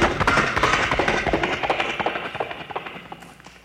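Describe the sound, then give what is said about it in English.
A voice imitates galloping horses with a rapid, steady run of sharp clopping clicks, fairly loud and continuous for a few seconds, tapering slightly toward the end, with no speech over it. “The sounds such as horses galloping.”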